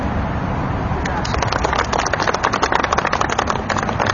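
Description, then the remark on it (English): Heavy truck traffic in Iowa rumbles steadily, a dense low engine drone with a broad, hissing roar on top that grows rougher and more textured after the first second. “I'm going to try and speak loud enough that you can hear me over all the truck traffic.”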